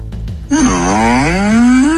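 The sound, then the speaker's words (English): A ChatGPT voice, asked to make the sound of a ghost, attempts a ghostly wail but produces a long, low, wavering moan that sounds more like a cow mooing. It is loud and follows a brief quiet start. “Can you just make like the sound of a ghost for me?”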